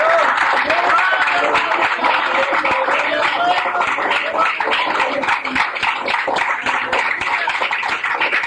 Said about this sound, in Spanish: Otro aplauso a nuestro rey. Gloria a Dios.